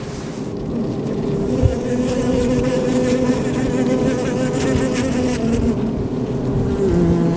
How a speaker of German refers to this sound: Die Bienenwelt scheint hier und heute in Ordnung zu sein. Keine toten Bienen vor dem Eingang, ein reges Ein- und Ausfliegen.